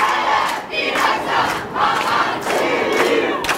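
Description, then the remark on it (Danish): A crowd of supporters with flags chants slogans in unison at Copenhagen Airport, welcoming a returning Gaza activist. The chant is loud and rhythmic, with repeated shouted phrases rising and falling about once a second over a steady background roar. “som i eftermiddags landede i Københavns Lufthavn, hvor meningsfæller modtog hende med flag og slagord.”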